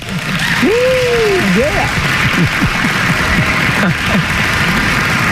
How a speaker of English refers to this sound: Well, thank you. And let's give you a round of applause for that.